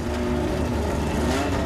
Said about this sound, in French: Une McLaren 12C équipée d'un V8 biturbo de 3,8 litres, développant pas moins de 616 chevaux.